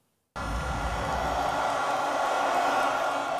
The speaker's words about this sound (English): Jubilation in the northern city of Barranquilla. Supporters of Abelardo de la Estrella have been cheering his narrow election victory.